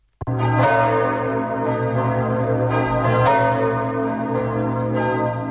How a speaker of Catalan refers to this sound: Les campanes de tota França han repicat durant 7 minuts per donar la benvinguda al Papa Lleó XIV, que ha aterrat a l'aeroport de París-Orly a les 10 del matí.